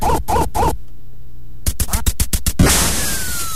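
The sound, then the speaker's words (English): Three quick, bright electronic duck quacks from a duck-shooting video game on the original Nintendo Entertainment System (NES), then a short silence, a rapid run of sharp crackling bursts, and a hiss with a thin sliding tone. “Remember it shipped with the game Duck Hunt, right? You remember this one?”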